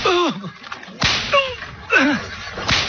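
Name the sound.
whip lashing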